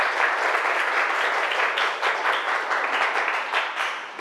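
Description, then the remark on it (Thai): A classroom full of people claps steadily for several seconds for group 3, who made salted eggs: a dense burst of applause with many overlapping hands and no talking. “กลุ่ม3มาสีสวยแล้วก็ทำได้ดีมากเลยนะคะปรบมือให้กลุ่ม3หน่อย”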